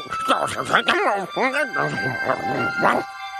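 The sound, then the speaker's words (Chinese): A quick series of excited, high-pitched barks and yips, fairly loud, sounding like a voice imitating a dog, with rising and falling whine-like tones between the barks: Odie the dog barking from inside a small wooden cabin. “他说什么？ 不知道，我又不会狗话。”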